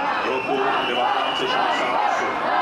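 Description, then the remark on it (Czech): A large crowd whistles and shouts at Czech Chamber of Deputies chairman Tomio Okamura of the SPD in a dense, continuous roar, with shrill whistles rising and falling above the steady din of many voices. “Pískotu a pokřiků se pak zase v opačném gardu dočkal předseda sněmovny Tomio Okamura z SPD.”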